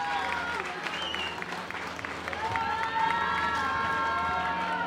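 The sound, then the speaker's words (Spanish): A crowd applauds steadily for several seconds for the winner of a lowboy trailer in a raffle, dense clapping rising slightly midway, with a few cheers and whistles mixed in over a constant low hum. “Fuerte el aplauso para él.”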